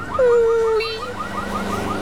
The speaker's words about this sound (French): Toudou se bouche les oreilles. Cette alarme de voiture lui fait mal à la tête.